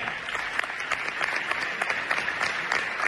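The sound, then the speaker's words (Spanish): An audience on stage at an event for Andalusian champions claps steadily for a female coach: dense overlapping handclaps forming a continuous crackling patter at moderate loudness for a few seconds, with no voices. “Un aplauso para ella.”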